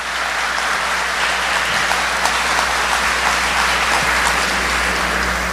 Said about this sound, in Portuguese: vamos aplaudir essa palavra maravilhosa. Mais forte.